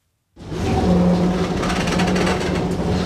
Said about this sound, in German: Langsam ruckelt die blaue Straßenbahn die Küstenstraße entlang. Tram nennen die Einwohner von Alexandria sie liebevoll. Genau wie das Meer gehört sie fest zum Stadtbild der ägyptischen Mittelmeermetropole.